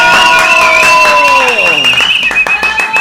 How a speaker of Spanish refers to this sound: ¡Fuerte el aplauso!